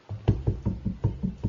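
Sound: knocking on a door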